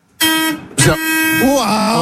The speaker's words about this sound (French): Il est content, il est pas mal. Il a appuyé sur le klaxon. Il y a le volant qui vibre.